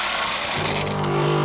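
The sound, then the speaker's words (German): Coffee beans are refilled into a coffee machine: a steady rattling rush gives way to a loud mechanical whir with a buzzing hum. No one speaks. “Kaffeebohnen nachfüllen.”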